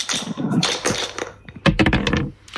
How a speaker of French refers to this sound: On va jouer avec les dés, je vous les donne. Il y en a deux, vous les lancez.